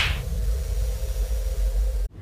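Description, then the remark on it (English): A single sharp slap at the very start, followed by a steady low rumble of background noise that cuts off abruptly near the end. “well, then we'd have to slap ourselves.”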